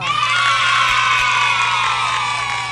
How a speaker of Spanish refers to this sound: Aplausito para esa gente linda.